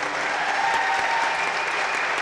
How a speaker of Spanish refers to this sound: Un aplauso, por favor.